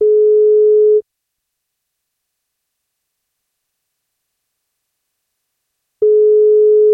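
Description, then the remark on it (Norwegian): A telephone ringback tone as NFM radio's wake-up call phones a listener on her 40th birthday: two steady, mid-pitched one-second beeps separated by about five seconds of silence, with no voices. “Om hun tar telefonen, så får hun kake.”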